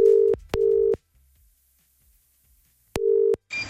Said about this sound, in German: Moment, hier schon mal Telefonnummer gewählt und...